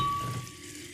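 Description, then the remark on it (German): A steady fizzing and crackle of sparkling mineral water, like tiny bubbles bursting after a bottle is opened, softening slightly over a second with no voices. “Und dann öffne ich das Ganze und...”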